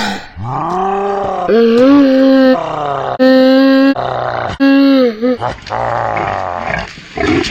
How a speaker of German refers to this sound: Heißen die hier nicht Wildschweine? Das ist ein Keiler!